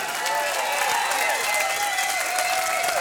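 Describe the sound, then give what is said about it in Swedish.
A large concert audience at a live show at Musikplats Stockholm applauds steadily for the whole three seconds, a dense, even wash of clapping with faint cheers and whistles rising through it. “Stor applåd för hela gänget.”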